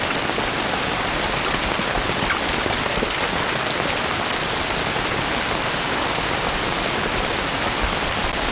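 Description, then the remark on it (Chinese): Steady rain falls without a break, a dense, even hiss of countless drops pattering on a surface at a constant loudness, with no voices or other sounds. “这想着这雨就停了，这谁知道下了就不停了？”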